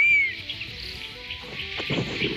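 A honey buzzard gives one clear, high whistled call that slides downward at the very start, followed by a steady wash of insect buzzing and soft rustling.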